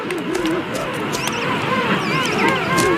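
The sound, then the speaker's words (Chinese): Warbling, wavering whistled calls from a king penguin chick left alone and defenceless in the colony, rising and falling in pitch, repeated over a dense background of many other colony calls. “青鸟听到了雏鸟的叫声，迅速赶来保护它。”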